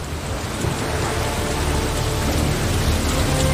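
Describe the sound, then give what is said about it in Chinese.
A heavy downpour from a Kakadu storm roars steadily, dense rain hammering down without a break, with a deep rumbling undertone beneath the hiss and no voices. “终于大雨倾盆”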